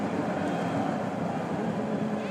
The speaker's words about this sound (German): Das sind die englischen Fans, die ihr hier gerade im Hintergrund hört.